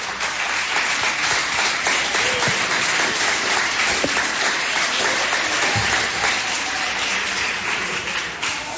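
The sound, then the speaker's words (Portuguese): A church audience applauds to glorify God after a prayer, a dense wash of many hands clapping at an even, sustained loudness for several seconds with no voices standing out. “Podeis assentar, assentando palmas que glorifica a Deus.”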